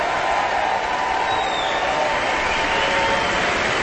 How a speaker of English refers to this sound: The audience continues their enthusiastic applause.